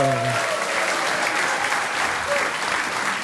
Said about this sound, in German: Einen riesigen Applaus für Christian Schulte-Loh!